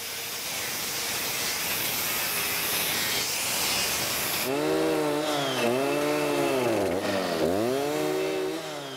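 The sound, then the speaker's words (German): A chainsaw cuts through a thick oak log for a bench, first a loud steady rasping roar, then the engine revs and bogs repeatedly as the blade bites into the wood. No one speaks. “Und dann kommen solche Sachen dann mal, oder Sägen oder was weiß ich”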